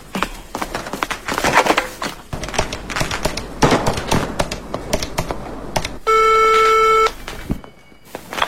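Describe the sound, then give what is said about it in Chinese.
A rapid series of sharp plastic clicks as phone buttons are pressed by a granddaughter calling her grandfather, who is spending the New Year holiday alone far away, followed by a single steady electronic ring tone lasting about a second, then quiet. Clear, with no talking. “别急着吃，先给爷爷打电话。”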